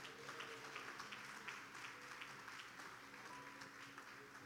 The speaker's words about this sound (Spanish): Tenemos 40 jóvenes. Un aplauso a nuestros jóvenes.